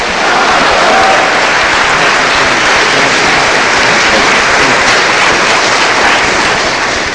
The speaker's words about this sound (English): Brothers and sisters, let us give another warm round of applause to Minister Dr. Abdul Aleem Muhammad. Give him a warm hand, Masmayam.